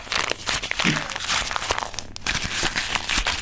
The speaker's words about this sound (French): Je pense que je vais le mettre en boule entre mes mains. Je vais le froisser. On t'écoute ! Alors j'y vais. Je froisse le papier en boule, comme une boule de neige.